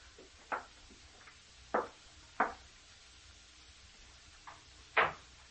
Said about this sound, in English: I walked up the steps. I reached the outside door. Mechanically, I took the key from my pocket, inserted it in the lock, opened the door.